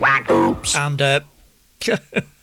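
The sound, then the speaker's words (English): A plastic duck quack sound effect quacks several times in quick nasal bursts, then pauses and gives two shorter quacks, marking a user signing in to a chat room. The quacks are loud, with no one talking. “Paul the Plastic Duck has managed to get himself signed in twice.”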